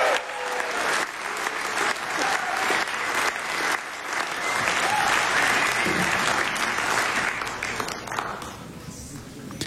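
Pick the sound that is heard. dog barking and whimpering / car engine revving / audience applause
audience applause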